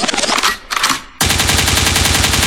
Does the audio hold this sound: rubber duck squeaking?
no